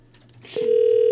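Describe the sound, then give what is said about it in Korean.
After a soft rustle and a quick click, a loud, steady telephone ringback tone starts about halfway through and holds unbroken to the end as the call goes unanswered, with no one speaking. “아유 전화를 안 받는다.”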